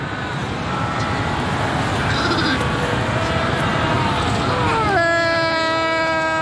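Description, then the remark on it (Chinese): A dense, steady din of South African fur seal colony calls, many overlapping bleating cries, with one loud, drawn-out harmonic bleat rising above the crowd near the end. “通过这种亲密互动，这对母子可以很快熟悉彼此的气味和叫声，这也是他们在混乱的群体中辨认彼此的方式。一些南非海狗聚居地甚至绵延数公里，种群数量多达20万只。”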